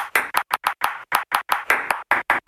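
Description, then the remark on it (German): A table tennis ball bounces in a rapid, irregular pattern of short and longer clicks, tapping out a message in Morse code, loud with no voices. “Dann interessieren Sie sich entweder für Morse-Tischtennis oder es liegt daran.”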